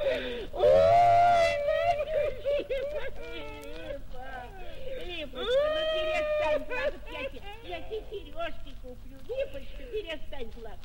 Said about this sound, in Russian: Ну что ты, Липа, ну не надо, Липочка, ну голубушка, ну не плачь. Ой, Липа, Липочка.